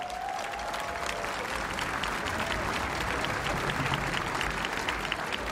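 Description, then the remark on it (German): Sustained applause from a large audience at an Oktoberfest open-air concert, for the conductor of an Oktoberfest band: a dense, steady patter of many hands clapping at even volume throughout, with faint crowd murmur underneath. “Ein großer Applaus, Manfred. Gut gemacht.”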